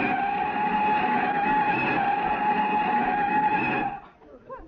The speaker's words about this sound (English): Rochester! Don't look at me, Mr. Benny stepped on the brakes. From the back seat yet.